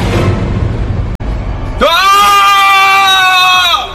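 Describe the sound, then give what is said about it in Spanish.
A loud, sustained scream of horror bursts out after a moment of rumbling, noisy background, holding a strained, high pitch for about two seconds before it starts to fade. “El grito de horror de Felipe quebró la noche.”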